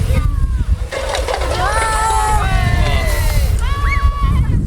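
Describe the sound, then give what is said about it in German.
Water sprays steadily from a fire hose nozzle as a child turns it open to knock down cans, a loud continuous rushing hiss with some splashing, while several voices, including children's, talk over it. “Wassermarsch, genau. Und jetzt drehst du vorne auf.”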